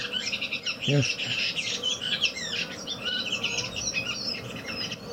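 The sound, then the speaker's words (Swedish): A redwing thrush, angry at another redwing, gives a long, continuous run of harsh, high-pitched chattering notes, busy and scratchy throughout, with one brief lower call near the start. “Här har ni chattret mycket längre. Den här är arg på någon annan rövinge.”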